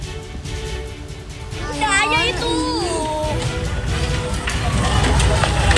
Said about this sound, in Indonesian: Kantin dan gudang spare part atau suku cadang di Tanjung Priok, Jakarta Utara terbakar. Kebakaran yang diduga dipicu korsleting listrik ini membuat warga sekitar menjadi panik.